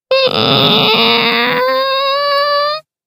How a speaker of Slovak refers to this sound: A keď otvoríte starú, vrzgajúcu, ošarpanú bránu, dostanete sa do nášho kráľovstva.